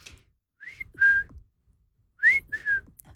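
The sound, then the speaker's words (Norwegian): A person whistles a simple two-note phrase, a higher note sliding into a lower one, then repeats it after a short pause. Clear, with no talking. “Men så var det denne spilleren da, som plystret to toner i stedet.”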